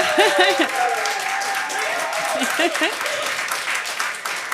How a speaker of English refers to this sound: What nice applause.